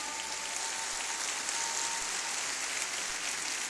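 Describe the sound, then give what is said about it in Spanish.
Steady applause from a crowd sending off an honoree at a recognition ceremony, a dense hiss of many hands clapping at once, sustained evenly for a few seconds with no voices over it. “La despedimos con un fuerte aplauso, por favor.”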